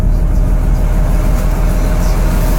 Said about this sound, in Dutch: Het stationair draaien van de motor van mijn pont, waar ik nu begin met mijn dienst.